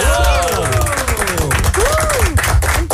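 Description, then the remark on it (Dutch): Loud, steady audience applause, a dense patter of many hands clapping at once, with excited voices whooping and calling out over it for the full few seconds. “daar valt het applaus van ons nu wel een beetje niet bij die vier minuten van afgelopen weekend.”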